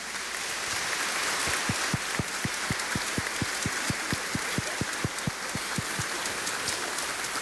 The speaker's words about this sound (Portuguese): Então merece uma bonita salva de palmas. Então, uma bonita salva de palmas para as crianças.